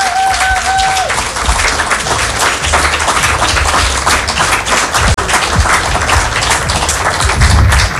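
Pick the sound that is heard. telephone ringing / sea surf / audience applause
audience applause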